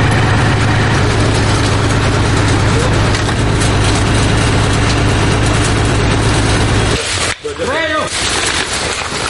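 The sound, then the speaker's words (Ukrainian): A military armored vehicle, stopped among dense trees in a forest, idles its heavy engine with a loud, steady low rumble and mechanical rattle, then cuts out abruptly near the end, followed by a brief burst of voices. “Навіть у лісі броньована машина зупиняється лише в гущавині дерев, аби не засікли ворожі дрони.”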